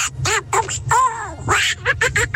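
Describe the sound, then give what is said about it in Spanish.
A person imitates Donald Duck's voice, producing a rapid string of raspy, squawking quack-like syllables, loud, for a couple of seconds. “Tropicana, mi talento es hablar como el Pato Donald.”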